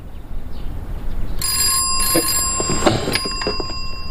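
An old-style telephone bell rings out loudly and continuously, a bright metallic jangle that starts abruptly after a moment of quiet room noise and keeps trilling without any voices.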